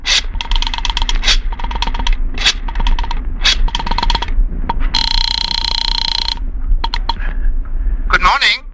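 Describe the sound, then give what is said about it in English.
A telephone is picked up and dialed: a run of rattling, clicking bursts, a steady electronic tone in the middle, then a few more sharp clicks and clatters. “You quickly reach for the phone.”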